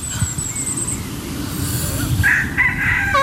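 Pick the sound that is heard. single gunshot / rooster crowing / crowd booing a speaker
rooster crowing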